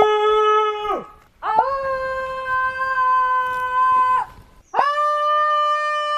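People shout and howl into the woods in three long, loud, sustained calls, each swooping up at the start and sliding down at the end, with short gaps between them.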